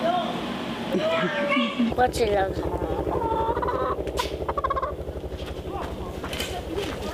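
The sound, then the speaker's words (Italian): A hen cackles loudly and insistently after laying an egg, a run of harsh, rising squawks and rapid clucks that keeps going for several seconds without a pause. “ha fatto uovo.”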